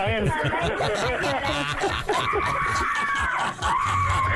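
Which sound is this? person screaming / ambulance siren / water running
person screaming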